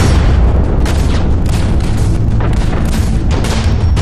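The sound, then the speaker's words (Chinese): Heavy artillery booms at the Marco Polo Bridge (Lugou Bridge), China, in July 1937, roll through a dense, rumbling battle din, with repeated deep blasts landing every second or so. Loud and continuous, with no voices. “1937年7月，卢沟桥的炮声响，消息传到英国”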